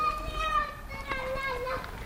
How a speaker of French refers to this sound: Voilà comme on l'entend, il y a des enfants qui jouent avec des toboggans de métal, des tours en bois. Des cordages, des cabanes à fer, des trucs, des machins, des bidules.